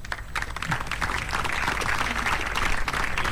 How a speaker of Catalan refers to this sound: Ara es fan la fotografia, fort aplaudiment per tota la gent de la grada.